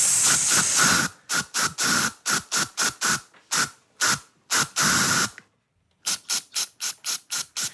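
A deodorant spray can hisses in a rapid series of short, sharp bursts, some longer than others, tapped out in the rhythm of a song for the Ö3-Wecker radio show's 'Deo-Spray-Song des Tages' song-guessing game, with a brief pause before more quick sprays. No one speaks.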